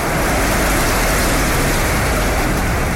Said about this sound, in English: We're going to start with number one, rain on a tin roof.